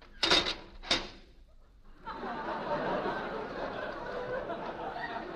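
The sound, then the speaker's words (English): A time lock on a door engages with two sharp mechanical clunks about half a second apart, followed by a long, steady wash of audience laughter. “Time lock on the door.”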